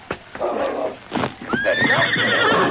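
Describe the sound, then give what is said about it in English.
A few sharp hoof clops and stamps, then a horse lets out a loud, high, wavering whinny that rises and trails on for over a second. No one speaks. “Two horsemen were already gone by the time King reached their hiding place.”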